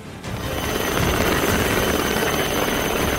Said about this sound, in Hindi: गुजरात के नवसारी की ये तस्वीरें देखिए। यहाँ समंदर में फंसे मछुआरों को एयरलिफ्ट कर सुरक्षित बचाया गया। समंदर में एक नाव के डूबने की स्थिति में होने की जानकारी मिलने पर कोस्ट गार्ड ने तत्काल हेलीकॉप्टर के जरिए रेस्क्यू ऑपरेशन शुरू किया